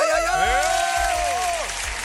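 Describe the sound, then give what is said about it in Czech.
A loud, steady burst of crowd applause and cheering fills the whole stretch, with whoops and whistles rising above the clapping, like a big audience giving an ovation. “To jsou velký ovace, máte tady velké publikum.”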